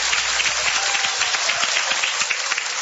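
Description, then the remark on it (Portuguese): A crowd of people applauds steadily at the Igreja Deus Amor church, a dense wash of overlapping hand claps at an even loudness that keeps going without a break. No one speaks over it. “Eu agradeço a oportunidade, as palmas, louvo o Senhor Jesus.”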